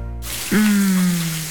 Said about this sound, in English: Shower time.